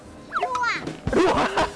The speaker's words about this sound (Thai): ตอนนี้ให้เด็กๆเขาสนุกกับบ้านลมที่